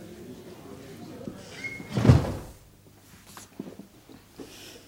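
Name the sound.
door being closed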